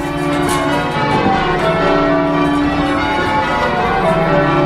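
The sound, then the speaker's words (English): Church bells ring loudly, their overlapping tones blending into a dense, continuous peal with steady strikes and a long, shimmering resonance. No voices are heard. “If you don't like church bells, you don't come to live in this area.”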